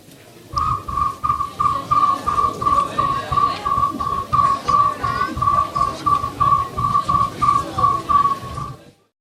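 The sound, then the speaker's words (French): A person imitating a cricket at an animal-call imitation event, with rapid, evenly pulsed whistled chirps at a steady mid-high pitch, continuing for about eight seconds over a steady low rhythmic thumping. “Je me permets de mettre le grillon qu'on écoute un petit peu comme petit exemple.”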